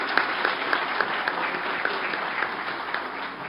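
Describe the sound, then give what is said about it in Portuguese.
Steady audience applause for a girl called up beside the speaker: many hands clapping in a dense, continuous patter at an even, moderate loudness throughout, with no voices rising above it. “Uma salva de palmas para essa menina aqui, eu já conto para vocês o porquê.”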